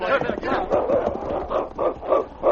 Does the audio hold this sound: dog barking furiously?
yes